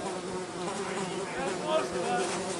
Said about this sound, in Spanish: ¿Se relajan las moscas? No, ¿eh?